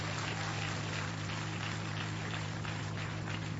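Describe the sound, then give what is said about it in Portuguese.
An audience claps together with applause for Jesus to welcome a woman who has come to sing praise, a dense, steady wash of applause that holds an even loudness throughout, with a low steady hum underneath and no voices. “Com palmas para Jesus.”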